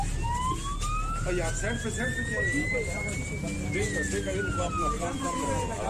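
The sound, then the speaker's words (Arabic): A police car siren wails loudly in one long slow sweep, climbing steadily in pitch and then falling back, over a dense rumble of background noise and muffled voices, as police called by neighbours rush to a residential neighbourhood. “وليت شعاد حالة رعب في هكا الحي، والجيران في نهاية الأمر طلبوا الشرطة واللي جات على جناح السرعة”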